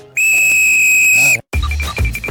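A loud, sustained whistle blast, blown to start a 30-minute mission in which a child searches for items, holds steady for over a second, then cuts off, followed by a burst of background bustle and voices.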